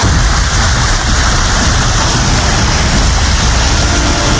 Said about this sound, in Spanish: Llueve, la vía se convierte prácticamente en un río, dificultando el paso de los habitantes. Cuando llueve, esto se vuelve un río, ¿verdad?